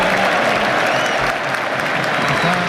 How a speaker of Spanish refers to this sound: En el estadio le aplauden.